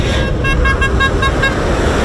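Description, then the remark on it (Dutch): Truck and car horns honk repeatedly in quick, overlapping toots over a heavy, continuous rumble of engines and traffic, loud, with no one speaking, as farmers protest in the countryside against government plans. “Ja, dat waren de boeren en een hoop getoeter ook.”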